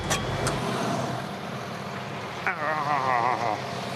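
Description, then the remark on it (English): A tractor engine runs steadily, a continuous rumbling drone, with a voice briefly speaking over it partway through. “I would turn the engine off and then pull the pin up, just to be safe.”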